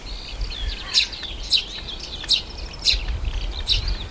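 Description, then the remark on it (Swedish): Tree sparrows chirp loudly right at the microphone in a lighthouse garden on a sunny, slightly windy day, in short, bright, high-pitched bursts that repeat about every half second, with thinner twittering between them and a low steady rumble underneath. “det låter nästan som pilfinkarna satt sig på mikrofonen.”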